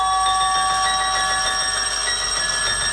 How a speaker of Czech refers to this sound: Snad se o náš zvonek opřel.